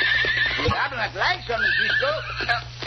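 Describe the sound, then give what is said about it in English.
A horse, Loco, whinnies loudly, a long, shaky neigh with wavering pitch that rises and falls for a few seconds over a steady low background hum. “Loco doesn't like something either. What's the matter, Loco? What's the matter, huh? Both horses are looking down toward the shore”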